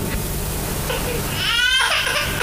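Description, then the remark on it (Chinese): A baby girl's wavering cry rises faintly over a steady background hiss, with a brief, stronger wailing burst near the end before fading, the crying carrying into a stone chamber of an ancient tomb. “哎，好像是小孩子的哭声啊。”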